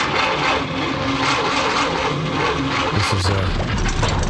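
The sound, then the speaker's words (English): An old car, nicknamed chitty bang bang and taken for its NCT test, which it failed, runs steadily for several seconds, a loud, rough rumble with rattling overtones that shifts slightly in pitch partway through. “This is her trusty motor car.”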